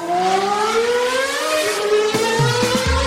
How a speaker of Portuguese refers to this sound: Vocês ouviram aí, né? O barulhinho de carro passando. Isso significa que a gente tem atualização aqui na Fórmula 1.